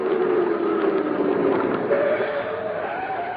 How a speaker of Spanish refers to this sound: Ya vienen por mí. Eso tenía que ser. Ese auto que se detuvo afuera tiene que ser una patrulla. Vienen a detenerme.